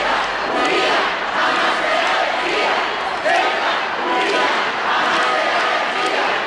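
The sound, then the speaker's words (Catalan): Thousands of people in Ceuta welcoming the Spanish king and queen roar continuously, with mass shouting and chanting of slogans claiming the autonomous city swelling in waves over a dense wash of applause, loud throughout. “Milers de persones han rebut els monarques entre aplaudiments i crits de reivindicació de la ciutat autònoma.”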